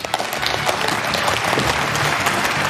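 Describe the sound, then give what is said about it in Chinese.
A crowd applauds steadily, dense overlapping claps forming a loud, even wash of sound that holds throughout without pause, no voices standing out, as a studio audience welcomes three doctors onto a programme about lung cancer. “好，赶快掌声请出今天的3位主讲医生，欢迎。”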